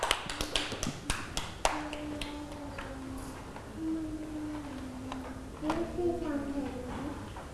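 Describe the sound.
A short burst of scattered, uneven hand claps from several children fills the first second or so, then fades as a young voice and other kids' chatter continue.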